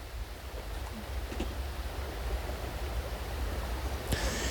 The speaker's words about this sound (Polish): A woda szumi.